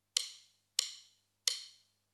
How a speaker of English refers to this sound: That's the sound of my drumsticks being hit together. Drummers might do it at the start of a song so people know they're about to start playing.